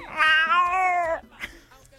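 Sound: cat meowing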